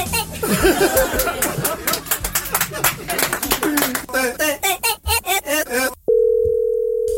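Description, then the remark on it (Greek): After a busy stretch of voices and rhythmic clattering, the steady ringing tone of an outgoing telephone call sounds for about a second at the very end, loud, clear and alone. “Τώρα έχω πάρει τηλέφωνο. Περίμενε.”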